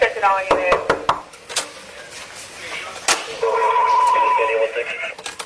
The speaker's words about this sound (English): It's around 1 a.m., March 13th. Miami Beach police make their way into the Mondrian South Beach Hotel and up to the 11th floor. The first knock goes unanswered seconds later.